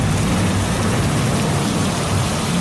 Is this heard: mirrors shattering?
no